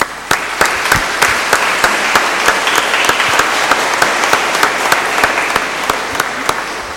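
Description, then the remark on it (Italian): An audience at a Eucharist breaks into sustained applause, thanking the Lord for a priest's 25th anniversary of priesthood, many hands clapping densely and steadily for several seconds with reverberation, sharper individual claps standing out above the wash of sound. “Quindi ringraziamo il Signore per questo grande dono e facciamolo un applauso.”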